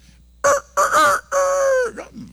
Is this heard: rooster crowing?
yes